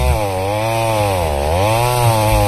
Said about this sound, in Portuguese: Motosserra, você vai comprar lá com os nossos amigos do Bonifácio. Compre você também, Bonifácio Ferragens, na Avenida Brasil,